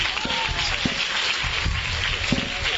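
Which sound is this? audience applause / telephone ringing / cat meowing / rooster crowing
audience applause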